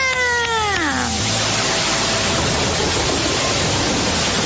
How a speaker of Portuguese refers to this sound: Ai, eu estava esperando esses pingos de chuva. Agora já está chovendo forte.